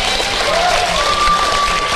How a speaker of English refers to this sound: And thank you to the audience sitting here who has witnessed The Faith Experiment, episode 52. Round of applause to everyone. Thank you very much.